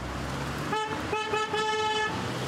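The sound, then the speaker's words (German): A car horn honks in a few bursts during a parade of 60 decorated cars through Wermelskirchen thanking nurses: a short toot, then a longer sustained blast, loud over a steady background of street noise. No one speaks. “Auch Petra Trümtrop wurde vom Hupen aufgeschreckt.”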